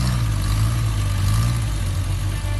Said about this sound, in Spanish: hay coches que hicieron historia. Y el próximo 18 de octubre volverán a rugir en Tarancón.